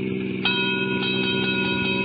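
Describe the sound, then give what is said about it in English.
A railroad crossing bell clangs in a steady repeating rhythm over the continuous low rumble and whine of a train rolling past a small junction just across the border into Oklahoma. “I stopped a car at a sleepy little junction just across the border into Oklahoma to let a train pass by.”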